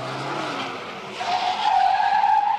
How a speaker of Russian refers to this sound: Машина догоняет его.